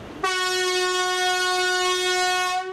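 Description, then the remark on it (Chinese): A single long, loud train horn blast, the kind used as a warning on departure sections, sounds steadily for over two seconds. Its rich harmonic tone holds constant before cutting off. “一声长鸣是最常见的，多用于发车路段警示提醒。”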